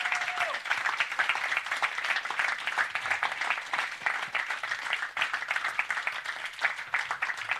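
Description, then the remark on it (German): A crowd applauds steadily for the technician and everyone working on the event, dense overlapping claps forming a continuous loud wash of sound that holds for the whole stretch without letting up. “Und vielleicht habe ich den einen oder anderen Namen vergessen, aber dieser Applaus gilt allen, die hier daran arbeiten, dass das hier stattfindet.”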